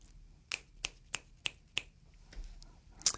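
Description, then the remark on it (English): Five crisp finger snaps in a steady, evenly spaced rhythm, then a pause and one final, slightly louder snap. The snaps mark the end of one spoken piece before the next begins. Bright and sharp, with no talking. “I don't have any instruments with me this time, so perhaps I'll snap my fingers in between so you know that one has ended and there's another yet to begin.”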